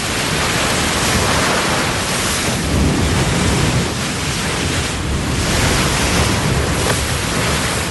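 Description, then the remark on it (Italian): A steady roar of surf fills the scene, waves breaking continuously on the shore with gentle swells in loudness, loud, with no voices. “C'è mare oggi. Sono tutti là.”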